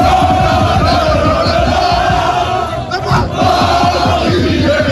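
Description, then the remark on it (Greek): A large crowd of fans in Paris, amid flares, chants slogans celebrating a Champions League win in loud, rhythmic unison, voices pulsing with a steady beat and a brief dip midway before the roar swells again. “Βεγγαλικά και συνθήματα συνθέτουν το εορταστικό σκηνικό στην πόλη του Φώτος.”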